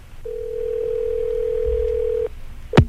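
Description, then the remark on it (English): One steady two-second burst of ringback tone from an outgoing phone call placed by radio host Rick Dees in Hollywood to a listener in Pensacola for the weekly Top 40 Challenge, followed by a short pause and a sharp click as the line is picked up. No one speaks. “It's ringing right now in Pensacola.”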